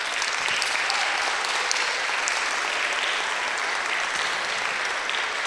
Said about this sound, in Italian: Un applauso.